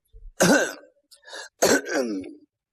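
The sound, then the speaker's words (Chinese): An old man's throat-clearing cough, two gruff, voiced bursts in quick succession, fairly loud, with a short low rumble at the start and no talking. “老头咳嗽一声”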